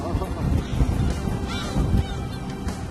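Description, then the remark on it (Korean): Seagulls that follow a couple's boat at sea calling in a few short, high-pitched cries, the clearest midway through, over a steady low rumble of engine or wave noise. “이렇게 함께 하다 보니 어느새 갈매기들도 친구가 됐다죠.”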